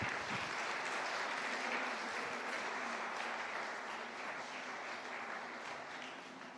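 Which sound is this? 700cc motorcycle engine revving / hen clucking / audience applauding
audience applauding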